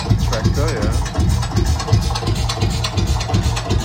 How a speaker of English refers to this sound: So that's the Lanz Bulldog. The tractor.